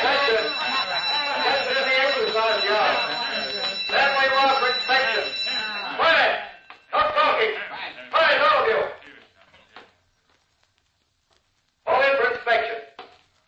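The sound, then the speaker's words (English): A steady, shrill alarm, set off because someone is trying to escape, rings continuously for several seconds beneath loud, overlapping voices, then cuts off while the excited shouting carries on in bursts. “Uh-oh, the alarm.”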